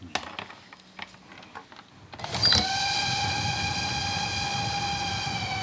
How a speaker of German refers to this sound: Ein Zug kommt aus Kühlungsborn, der andere aus Bad Doberan.